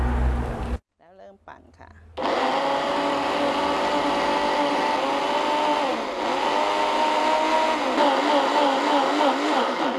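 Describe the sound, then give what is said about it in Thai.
A kitchen blender whirs loudly and steadily for several seconds, blending shredded pandan leaves with water, its motor pitch wavering slightly as it churns, after a brief stuttering start-up. No one speaks. “ปั่นเสร็จแล้วเทใส่ถ้วยตวงไว้นะคะ”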